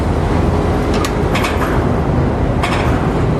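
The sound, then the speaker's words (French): Container port ambience at a quay: a loud, steady low rumble of heavy engines and machinery, broken by a few brief bright clanks or hisses from cranes and trucks bringing containers, one carrying a green China Shipping container around the quay corner, with no one talking. “Il y a des camions qui les amènent. J'en vois un qui fait l'angle du quai, qui transporte un conteneur vert.”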